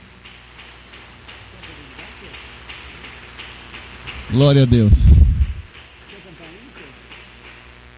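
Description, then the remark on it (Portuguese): A crowd at a worship gathering claps for Jesus in a dense, even patter throughout, while a single voice shouts out loudly over the applause midway before the clapping carries on. “Palmas para Jesus.”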